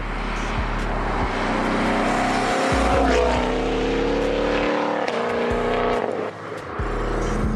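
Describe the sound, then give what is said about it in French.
A loud V8 engine of a Shelby GT500 sports car roars steadily, its revs climbing and briefly dropping between gear changes, with a deep rumbling growl and rising harmonic whine throughout. “Bon, du coup, cette Shelby GT500, c'est une vraie claque.”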